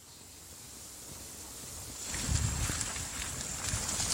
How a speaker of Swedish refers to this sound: Vi lämnar lägenheten och rör oss sakta ner mot vattnet. Det blåser och regnar på oss.